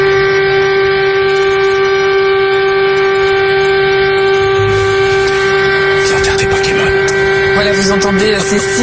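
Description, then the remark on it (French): A loud siren holds one steady, unwavering tone for the whole stretch. Partway through, a rushing wash of noise swells beneath it, followed by scattered clattering bursts. “Ces sirènes qui ont résonné pour rendre.”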